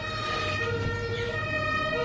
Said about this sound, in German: Oh, jetzt ist aber die Feuerwehr da draußen.